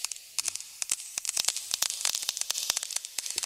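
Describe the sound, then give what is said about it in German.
Raindrops begin to fall: crisp, irregular pattering taps, sparse at first and then quickly growing denser over a soft steady hiss, with no voices. “Bis dann auf einmal Regentropfen fallen.”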